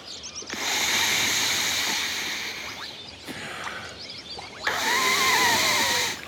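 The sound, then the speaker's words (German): Steady, breathy hissing of air being blown into an inflatable swim ring to add a little more air, in two long bursts separated by a brief pause, with no talking. “Wenn ich jetzt ein ganz klein wenig mehr Luft dazu puste...”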